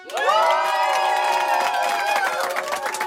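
A live audience at the FM4 stand-up stage during the Happy Hour show cheers loudly with whoops and shouts over steady clapping, a dense, sustained wall of crowd noise that stays strong throughout.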